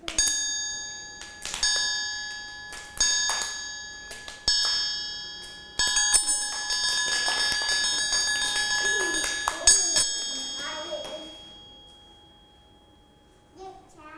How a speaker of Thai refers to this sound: ก็จะให้เสียงสัญญาณจังหวะนะคะเหมือนเดิมเลยโดยเด็กๆต้องฟังเสียงจากระฆังสามเหลี่ยมนั่นเอง